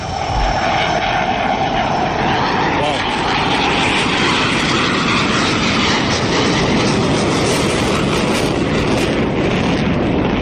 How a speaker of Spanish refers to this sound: El caza ruge en el aire. Quizá por eso el emblema del ala 15 es un tigre. Vaya despegue. Nada más subir, tira para arriba.